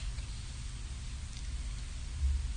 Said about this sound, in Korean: 보슬보슬 내리는 빗소리를 듣고 있노라면 금방 졸음이 오게 됩니다. 빗소리처럼 반복되는 소리를 듣는 것도 도움이 됩니다.